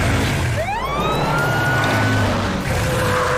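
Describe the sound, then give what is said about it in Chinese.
The siren of Maomao's fire truck winds up from a low pitch into a long, steady, loud wail over a constant low engine rumble. “好主意，毛毛，把你的车停在间歇泉上，乐乐，想办法让霸王龙面对毛毛的消防车。”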